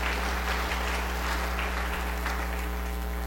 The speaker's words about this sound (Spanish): Fuerte los aplausos a nuestros hermanos. Y la comunidad de Tierra Blanca Mubel. Aplausos para nuestros hermanos. Gracias, hermanos, por estar en este turno. También a los hermanos del coro, la pastoral de niños, fuerte los aplausos a los catequistas.